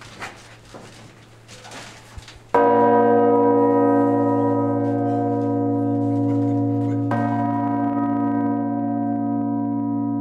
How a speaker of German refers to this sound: Regina Zöli, die Königin des Himmels, ist die schwerste Glocke des Geläuts. Diese Glocke, 5 Tonnen, wurde früh mit dem Seil gezogen.